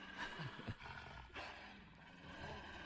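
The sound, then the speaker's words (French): A deep, snarling wolf growl opens a music track, rumbling loudly with a couple of rough surges in the first second and a sustained throaty roar continuing to the end. “Vu qu'il y a un loup qui apparaît.”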